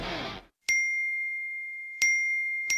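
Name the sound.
phone message notification ding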